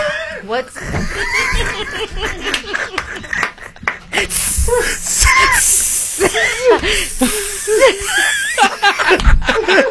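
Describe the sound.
Someone imitates a snake with drawn-out hissing bursts, mixed in with voiced sounds and snickering laughter, fairly loud over the whole stretch.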